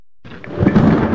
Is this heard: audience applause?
no